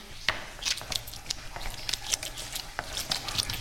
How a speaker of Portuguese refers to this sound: Este barulho que estamos a ouvir está a tentar a tirar o resto da água do leite. Sim. Este agora já está.